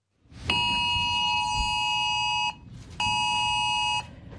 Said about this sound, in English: About 25 million mobile phones are expected to sound a siren and receive a written alert on Monday afternoon as the federal government tests its new AusAlert system.